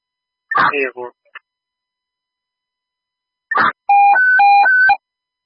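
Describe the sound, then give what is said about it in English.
Brief bursts of radio static, then a loud dispatch alert tone alternating between two pitches in a rapid high-low warble, sent out to units over the radio, sounding clear before cutting off. “Yeah, all though for units, all though for units, signal 8, down 3 tones, 292, signal 8, tones on 292.”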